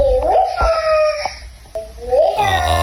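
A 2.5-year-old girl's drawn-out, wavering vocalizing heard over a baby monitor in the morning, rising and falling like a wail, with a few sharp knocks and a slightly thin, transmitted quality.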